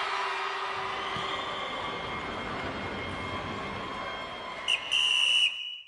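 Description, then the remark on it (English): A referee's halftime whistle at a football match sounds near the end: a quick short chirp followed by a longer shrill blast, cutting loudly through a steady, dense background roar. “The halftime whistle blows”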